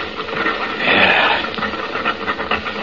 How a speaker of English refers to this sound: Listen to that. It almost does sound like an elephant.